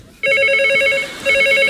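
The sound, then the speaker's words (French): A telephone rings loudly, its warbling electronic trill sounding in two bursts separated by a short pause, with no voices present. “Téléphone! J'entends!”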